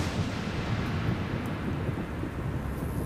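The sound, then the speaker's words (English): A thunderstorm rolls on with a steady hiss of heavy rain over a deep, continuous thunder rumble. It stays loud and dense throughout, with no voices. “Occasional seasonal rains returned.”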